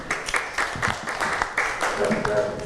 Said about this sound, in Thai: ค่ะปรบมือให้เพื่อนหน่อยค่ะ